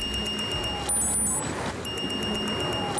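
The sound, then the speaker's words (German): A smartwatch at a swimming pool rings a notification alert, triggered when the pool's surveillance cameras detect something suspicious: a steady, shrill electronic tone that briefly shifts pitch midway, then resumes, moderately loud over a faint background hum. “bekommt Alicia Kleinemeier eine Benachrichtigung auf ihre Uhr, die vibriert und bimmelt dann”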